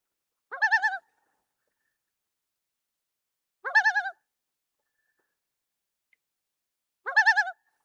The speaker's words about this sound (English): And I'll tell you what, there's no better place to hear the voice of the loon than where I am right now. Here, listen to this.